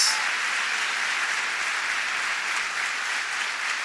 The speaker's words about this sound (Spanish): Si vamos a aplaudir, demos un fuerte aplauso, porque es para Dios.